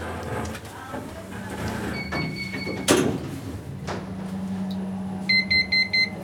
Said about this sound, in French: Fermeture des portes.